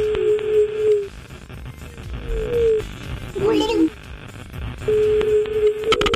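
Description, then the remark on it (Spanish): A phone line's ringback tone as a dialed call waits to be answered: a steady low hum-like beep repeating in several bursts of about a second, with muffled background noise and a brief warbling chirp between the tones. “A ver si tenemos ya la llamadita ahí. A ver si entra. Va por la línea.”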